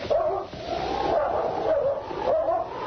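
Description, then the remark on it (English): A dog named Blackie barks and whimpers at night at something up a tree. It is a steady, loud run of yips and whines, with repeated rising cries spread across the few seconds and no talking. “Take dog away. He will try to kill me.”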